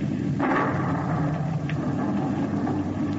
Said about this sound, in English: Good heavens! Did you see that? The lightning struck him dead.